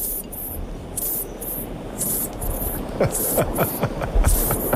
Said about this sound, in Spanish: Parece un aspersor, ¿no? De césped, de estos